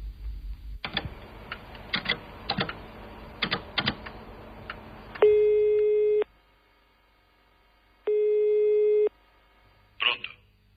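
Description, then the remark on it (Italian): Scattered clicks and taps give way to two long, steady telephone line tones separated by a pause of silence, like a busy signal, as a woman phones her husband, ending with a short rustling knock. “poco dopo telefona al marito, che ha appena ricevuto un avviso di garanzia.”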